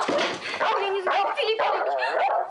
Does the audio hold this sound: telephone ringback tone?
no